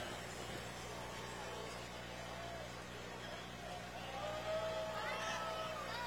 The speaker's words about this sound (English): McCormick Farmall H tractor.